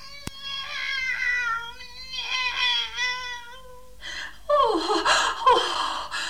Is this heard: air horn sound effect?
no